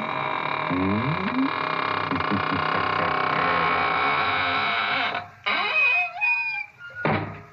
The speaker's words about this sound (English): And now it's time to close the squeaking door, so good night.